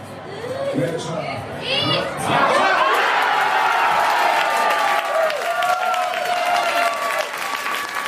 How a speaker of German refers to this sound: Nur 6 Minuten hat es gedauert, bis die Deutschlandfans zum ersten Mal jubeln durften. Beim 1:0 durch Felix Metscher.